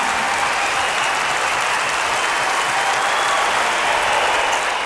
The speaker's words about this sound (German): Coole Geschichte, das Ganze. Da darf man sich auch noch ein bisschen den Applaus des Publikums anhören.